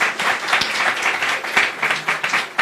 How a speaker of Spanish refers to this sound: Muchas gracias, muchas gracias. Aplauso por favor para sus docentes.